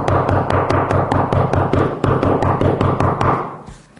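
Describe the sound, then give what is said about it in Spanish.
Loud, forceful knocking on a door, a rapid relentless series of heavy raps, pounding steadily for several seconds before stopping abruptly. No voices. “Pero imagínense, hay algunas maneras de tocar la puerta, no sé si a ustedes les ha tocado que les toquen la puerta de una manera como si estuviera el diablo afuera, ¿no?”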